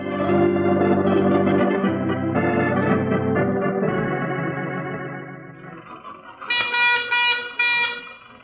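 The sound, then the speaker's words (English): An old motor car chugs along with a steady low rumble, then lets out a few loud, buzzy honks from its horn near the end. “I never realized the utter imbecility of barnyard fowl until I started to drive a car.”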